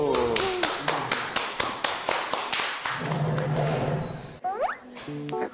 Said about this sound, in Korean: 박수.